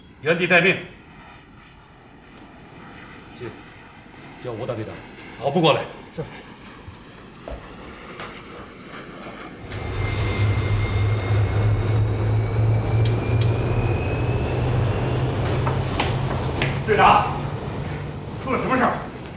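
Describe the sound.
An airplane engine drone swells in about halfway through and holds steady and loud, a deep humming roar with a faint rising whine. Earlier, people speak in short bursts against a quieter background.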